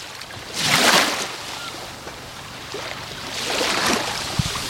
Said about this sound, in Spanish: te imagines que estás aquí a mi lado, sobre la arena de la playa, disfrutando de un ambiente veraniego fantástico de Salobreña y, sobre todo, escuchando este sonido, el del mar de Salobreña.